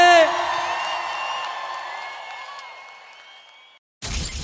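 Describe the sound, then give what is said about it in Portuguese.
A large crowd shouts and whoops together in a loud, sustained roar of overlapping voices that slowly fades over several seconds, then cuts off abruptly before a brief burst of different noise. “só solta o grito que eu quero ouvir.”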